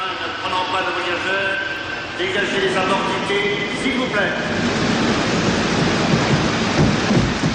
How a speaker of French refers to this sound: je vous fais écouter la bande-son de ce film mythique, cette cascade sur le métro, Peur sur la ville. Vous l'entendez, le métro.